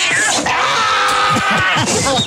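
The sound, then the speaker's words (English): Pinky, a male domestic shorthair rescue cat up for adoption at Placer County Animal Shelter, yowls angrily and without pause for about two seconds, a loud, strained cry whose high pitch wavers and bends throughout. “Pinky. Whoa. We got a wild cat on our hands.”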